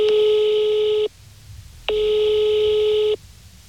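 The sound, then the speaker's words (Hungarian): A telephone line tone sounds as a call is placed to reach a foundation's board chairman: two steady, buzzy beeps, each about a second long, separated by a short pause, clear with no voices. “Bajor Gergő kuratóriumi elnököt csak telefonon sikerült elérnem.”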